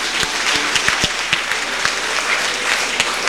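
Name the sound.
audience applause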